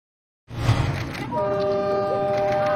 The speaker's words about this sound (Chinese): 王建东乘坐的通勤小火车和刘鑫追逐的开往春天的列车有一个共同的名字，市郊铁路。